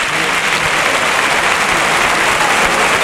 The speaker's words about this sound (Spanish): Y el público que se rompe las manos de aplaudir. La plaza de pie, ¿eh? Brindis de Pablo Aguado a Morante de la Puebla.